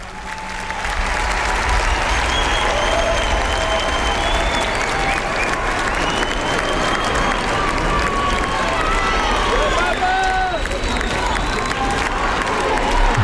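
A large crowd of faithful at Montserrat cheers and chants loudly together for Pope Leo, a dense roar of many voices mixed with clapping that swells in after the first second and stays steady throughout.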